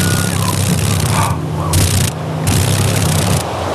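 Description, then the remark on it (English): Dragonfly wings vibrate rapidly at Alaska's Eagle River, making a low, steady buzzing drone with layered harmonic tones, set against a hissing noise that drops away and returns in bursts. No one speaks. “Can you hear the vibration? Those wings are... There we go. ...vibrating pretty rapidly.”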